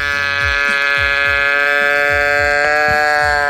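A loud, nasal, buzzing bleat from a toy teddy bear named Sir Henry II, goat-like and held steady for several seconds, with soft rhythmic thumps pulsing underneath and a brief glitch near the end.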